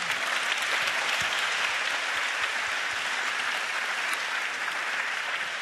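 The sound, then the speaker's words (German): A full hall of people clapping steadily, a dense, sustained wash of applause that holds at an even loudness for several seconds with no voices breaking through; the audience is applauding itself at the end of an evening event. “Also geben Sie sich bitte selber noch mal einen Applaus.”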